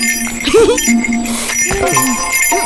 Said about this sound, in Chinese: 叮铃铃的声音